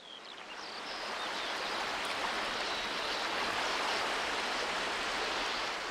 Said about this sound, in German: Wind und Wellen formen ihre Ufer, lassen steile Kanten, Lebensraum für zehntausende Uferschwalben entstehen.